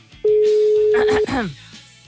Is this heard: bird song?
no